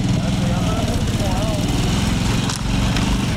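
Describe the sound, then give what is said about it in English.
A motorcycle engine drones steadily and loudly during a night ride along the coast, its low rumbling note holding constant throughout, with a brief dip in the sound near the end. “That night, I take a ride along the coast on a motorcycle, and the destruction is apocalyptic.”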